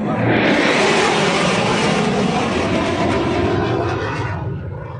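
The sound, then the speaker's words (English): Loud, continuous roar of an aircraft at the annual air show at the CNE on the last long weekend of summer, a dense rushing noise that holds steady for several seconds before easing off slightly at the end, with no voices. “The familiar roar of Summer's End is back this weekend.”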